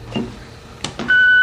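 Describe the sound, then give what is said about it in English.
A couple of soft mechanical clicks, like buttons being pressed, then a loud, steady electronic beep from an answering machine with 7 new messages as they are played back, holding to the end, with no one speaking. “Vincent listens to messages on his answer phone.”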